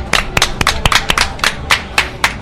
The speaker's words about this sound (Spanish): Hoy desde la feria, desde Caseta La Santa. Un aplauso para vosotros.